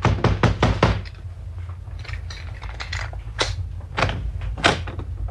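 A rapid burst of five loud knocks by police on a locked door, followed after a pause by a few slower, separate knocks over a low background rumble. No voices are heard.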